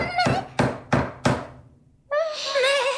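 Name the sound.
knocking on a door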